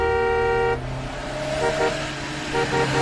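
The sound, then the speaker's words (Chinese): A loud, sustained vehicle horn blares at the start, then gives way to the low rumble of heavy truck traffic, with a few shorter honks sounding in the background. A three-wheeled motorcycle is caught among the trucks on the way from Guiping city to the Datengxia project headquarters. “三轮摩托车很快就淹没在大车的车流里。”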